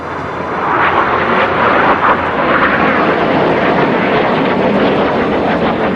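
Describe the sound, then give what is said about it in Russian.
A loud, continuous roar of F-16 fighter jet engines, a broad rumbling wash of noise holding steady for several seconds with slight surges, as jets controlled by coup organizers fly low over Ankara on 15 July after 21:30. “Истребители F-16 под контролем организаторов переворота начали низко летать над Анкарой, по-видимому, чтобы запугать население.”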